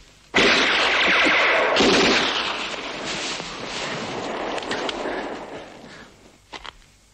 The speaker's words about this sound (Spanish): Y he oído otros disparos por ahí.